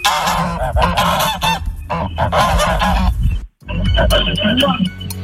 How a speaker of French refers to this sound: Alors, l'animal qu'on vient d'entendre dit cacard, dit cagnard, dit criard, il jargonne et c'est bien l'oie.